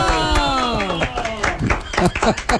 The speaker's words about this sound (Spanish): Por favor, muchachos, fuerte el aplauso